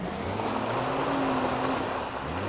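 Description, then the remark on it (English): At night, a car leaves the road toward a ditch as the driver struggles to keep it under control, with a loud, steady roar of engine and rough rumbling noise that holds for a couple of seconds, continuous, with no voices, until the car is stopped. “Death and hell were staring up at me out of the ditch that night as my car left the road with me trying desperately to keep it under control. I finally got it stopped.”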